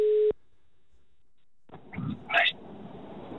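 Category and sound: signal or alarm, telephone call ringing tone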